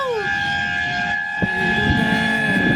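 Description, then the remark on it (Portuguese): A vehicle horn blares in one long, unbroken blast on the Marginal Tietê, heading toward Castelo Branco, loud, its steady tone held throughout over a low rumbling background with a brief knock partway through. “Na buzina, então. Uma buzininha aí pra alegrar o ambiente.”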